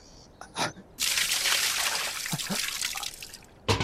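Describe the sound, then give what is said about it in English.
Water pours out in a steady splashing stream for nearly three seconds, spattering as it spills, preceded by a couple of brief sounds and ending with a short knock. “Water. Oh. Do you like water?”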